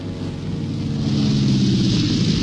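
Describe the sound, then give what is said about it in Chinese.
A steady, droning airplane engine, from a plane flown by a girl's father returning home, hums with low rumbling tones and a broad hiss, growing gradually louder over a couple of seconds, with no voices. “一听到这熟悉的飞机声，真由美知道这是爸爸回来了。”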